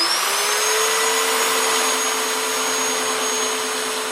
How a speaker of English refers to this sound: He takes hold of his chainsaw and leans in.